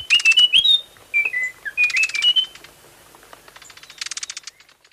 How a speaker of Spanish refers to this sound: El trino del cucarachero de Munchique forma parte del Banco de Sonidos de Aves Colombianas, recopilado por el Instituto von Humboldt y la Universidad de Cornell.